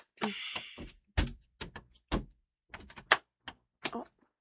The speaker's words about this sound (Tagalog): Ibutan ko ulan yung uban akong gamitiri sa suod sa drawer ng lamisa.